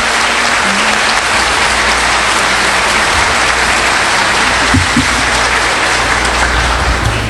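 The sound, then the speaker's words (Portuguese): Sustained audience applause, a dense, steady wash of many hands clapping at an even loudness for several seconds, with no voices standing out above it. “uma salva de palmas.”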